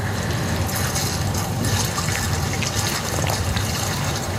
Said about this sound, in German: Ja, er schaufelt die Erde hinein und das ist die Erde, die eben jemand anderer schon umgegraben hat und jemand anderen schon ausgeschwemmt hat eigentlich. Er kommt und holt sich den Rest. Er gibt die Erde in seinen Holzbottich, gibt Wasser dazu.